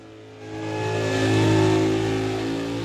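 A car engine revs up, its droning roar swelling louder and holding near its peak before easing off slightly, with no voices.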